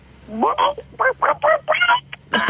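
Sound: person imitating a chicken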